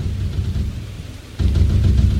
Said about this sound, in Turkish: Hava da amma bozdu. Çok yağmur yağıyor.